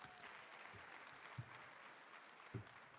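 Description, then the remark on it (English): Steady applause from an audience for an Honorable Minister after his speech, a dense wash of many hands clapping at once with no pauses, with a couple of soft low thumps underneath. “A very big round of applause for him, please.”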